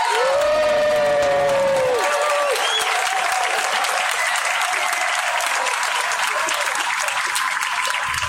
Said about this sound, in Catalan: Un aplaudiment.